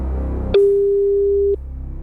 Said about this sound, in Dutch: Wie gaan wij bellen? Iemand gaat bellen. En die gaat nu de telefoon horen.